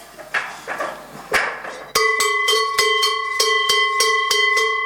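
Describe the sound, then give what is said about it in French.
Savoie cowbells, the kind of bell put one in each herd, ring out after a second or two of rustling noise, struck in a steady, rapid rhythm, each clang leaving bright, sustained metallic overtones that blend into a continuous loud jangle. “Ça, c'est les cloches de Savoie.”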